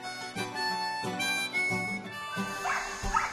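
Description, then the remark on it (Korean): Dogs at a mountain home bark and yelp in the distance in a few high, wavering calls near the end, faint beneath steady background music. “오, 개 짖는 소리가 여기까지 들리네.”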